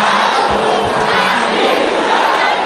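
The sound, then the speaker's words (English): A large crowd of women at a prayer gathering shouts together in response to a call to shout with fire, a loud, sustained roar, a dense wall of voices that holds steady for about three seconds without any single voice standing out. “Sisters, can you shout with fire?”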